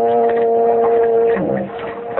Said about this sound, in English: I heard whistle a big ship. No, you didn't. That was just a foghorn.